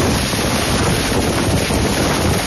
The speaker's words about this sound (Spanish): Tormentas, por cierto, que hicieron ayer de las suyas. El sonido del fuerte viento y la lluvia en Monzón por la tarde era este.